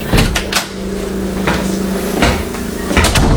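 A house door is opened by someone arriving home, with a few sharp wooden knocks and rattles, followed by a steady low hum and a couple more clunks, with no one speaking.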